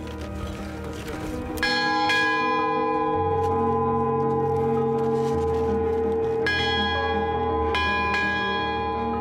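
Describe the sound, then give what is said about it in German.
A metal bell on a mountain summit in Crete, Greece, rung by climbers after reaching the top, following Greek tradition, rings out loudly, struck several times in irregular succession, each strike leaving long shimmering overtones that linger and overlap against a faint windy background. “Jetzt läuten wir hier, oder? Nach griechischer Tradition.”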